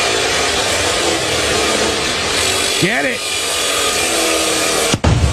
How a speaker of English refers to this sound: And they'd cut through the gun live on in front of everybody who was gathered there. One minor problem. It's sawing through the gun.